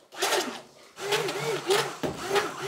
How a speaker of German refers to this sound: Wir mischen mal ein bisschen von dem Zucker mit dem Inulin und dem Guarkernmehl, sodass sich das ein bisschen besser miteinander verbindet. Ja. Am besten nehmen wir jetzt mal den kleinen Mixer.